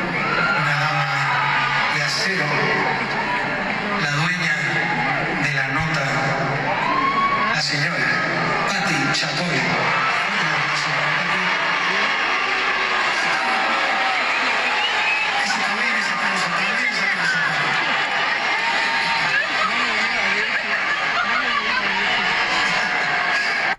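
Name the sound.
crowd booing and whistling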